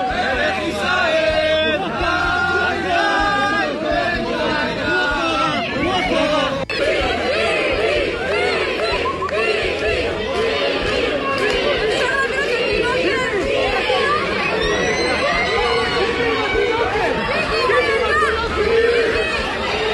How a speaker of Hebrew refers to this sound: אלו הקולות משם, מתוך הקניון באור יהודה. רק נתאר לכם את מה ששמעתם, צעקות של המונים המונים שרק רוצים להצטלם איתו. אחד, כמו שהצלחתם לשמוע ככה ברקע, אומר עם התינוקת, עם התינוקת.